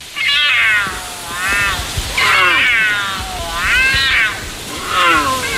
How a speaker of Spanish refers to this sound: Nos valía el puma o el cachorro de puma, pero era un puma.